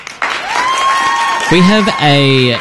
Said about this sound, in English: Hey, can you press the applause button for just a second? I want to read this one out.